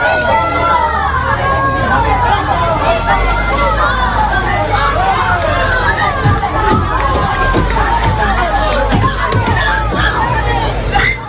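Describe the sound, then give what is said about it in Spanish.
A loud, agitated crowd of residents in Hornachos, Spain, shouts continuously, including cries of "asesinos", voices overlapping into a dense roar, while sharp bangs of fists striking a Guardia Civil armored van carrying two men break through irregularly, especially in the second half. “Se escuchaban esos golpes con gritos de asesinos y de todo lo que le podían decir a estos dos individuos, llamémoslos así, que han llegado hoy de nuevo a Hornachos.”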